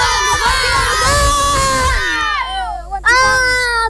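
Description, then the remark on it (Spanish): A group of children shout a team cheer together on a count of three, "vamos Deportivo Luján", loud, their many high voices overlapping in a brief burst that breaks off and then surges again. “Chicos, a la 1, a la 2, a las 3 gritamos, vamos Deportivo Luján, ¿les parece?”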